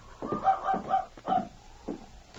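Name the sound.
dog making noise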